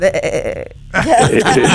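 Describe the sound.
A person's voice imitates a goat, giving a quavering, nasal bleat that breaks off briefly and then resumes with a second wavering bleat, loud.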